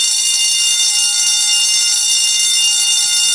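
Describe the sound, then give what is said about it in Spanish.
A contest buzzer (chicharra) for a phone-in song-guessing promotion blares in one loud, unbroken burst for over three seconds, a harsh, steady, high-pitched electronic drone with no voices over it. “En cuanto suene la chicharra, suena el tema y en ese momento usted se tiene que comunicar con nosotros a través de la línea telefónica para decirnos el nombre del tema que está sonando.”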